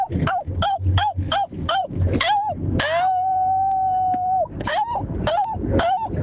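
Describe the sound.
A person imitates a cat in heat: a quick series of short, rising yowls, then one long, steady, drawn-out wail, then more choppy yowls, loud.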